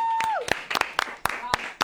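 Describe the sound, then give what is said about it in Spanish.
Sparse applause introducing a music segment on the radio show Mañana es Mejor: a handful of sharp, irregular claps ring out over a steady background hum, with a brief high whistle that slides downward early on. “Vamos con una aplauso.”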